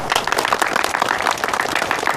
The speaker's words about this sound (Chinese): 鼓掌欢迎。